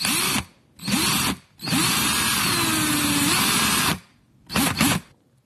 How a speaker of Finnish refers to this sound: Taina ehdottaa, että moottorisaha oli tämä kyseinen ääni. Mäpä soitan sen tässä nyt vielä.